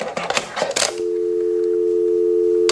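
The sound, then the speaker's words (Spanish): A burst of clicks and clatter as a secret telephone installed in a basement has its receiver handled, then a steady, continuous dial tone hums clearly for a couple of seconds before cutting off with a click. “Instalé un teléfono secreto aquí en el sótano.”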